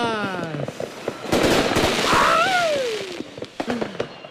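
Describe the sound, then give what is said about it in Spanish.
Rapid crackling firecrackers and fireworks bursting in a dense, popping barrage, with a whistling rocket sliding down in pitch midway through and scattered sharp bangs continuing to the end. “Obvio, espérate, es que me llegó tarde de la pirotecnia, pero mira, ya llegó.”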